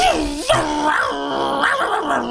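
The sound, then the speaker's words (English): A voice imitates a Yamaha WaveRunner jet ski engine with a loud, sustained revving drone that swoops up and down in pitch, coming out rather dog-like. “Do you want me to make the jet ski noise?”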